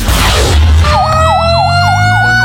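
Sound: fire truck siren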